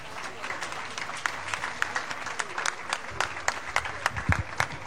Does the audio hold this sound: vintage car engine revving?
no